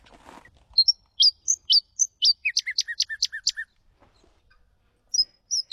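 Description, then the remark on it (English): A noisy scrub-bird's loud, ringing song: sharp, emphatic chirps that quicken into a rapid descending run, heard on its own, with a few more notes after a short pause. The species is found only on the south coast, around Two People's Bay, with a small population on Bald Island. “That is the noisy scrub bird.”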